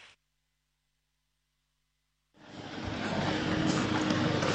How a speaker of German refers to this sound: Wir befinden uns hier auf dem Gelände des Rodeo Trevol. Hier ist ganz reger Verkehr. Viele Schüler sind heute auch noch unterwegs hier bei ausgezeichnetem Wetter.